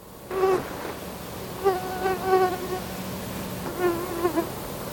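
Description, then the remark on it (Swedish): A mosquito's thin, whining buzz drifts by, its pitch wavering as it swells and fades in several passes, with no voices or other sounds around it. “Och så har det varit en sån här liten gynnare i rummet. Kanske två som bara har surrat runt.”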